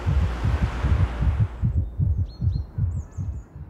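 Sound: heartbeat sound effect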